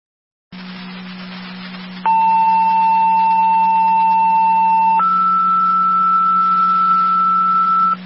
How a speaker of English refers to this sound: Fire Control, Southland 4, second set of tones, EMT requested for your EMS call. Repeating, Southland 4, second set of tones, EMT requested for your EMS call.